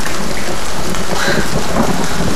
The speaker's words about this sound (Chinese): 徐小天肚子里的抗争声，比外面的雨声都大。